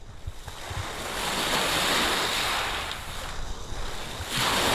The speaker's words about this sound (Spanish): Para la despedida, este sonido no está ni mucho menos enlatado. Es el sonido de las olas de Playa de Poniente, en Motril.